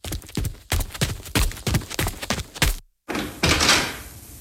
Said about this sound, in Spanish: Cuidado con esas cajas. Colóquenlas allí cerca de la puerta y dejen de hacer ruido.